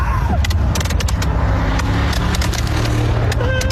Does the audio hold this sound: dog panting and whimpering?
no